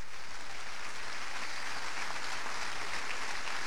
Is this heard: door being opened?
no